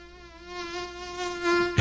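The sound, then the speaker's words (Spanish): A mosquito's thin, high-pitched whine hums steadily for about two seconds, swelling slightly louder toward the end before a brief soft thump cuts it off. “Sí, del mosquito.”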